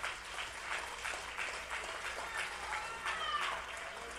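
An audience applauds steadily for several seconds for the glory of God, a dense rush of clapping with a few louder bursts and faint scattered voices mixed in.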